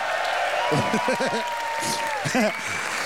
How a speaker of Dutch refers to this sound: Mag ik nog een heel groot applaus voor Peter Langerak, de Hoogtown Bunnies en inderdaad de ladies!